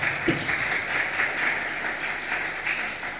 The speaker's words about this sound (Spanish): ¿Cuántos dicen gloria a Dios? Un otro fuerte aplauso al Señor, por favor.